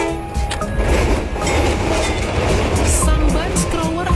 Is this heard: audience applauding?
no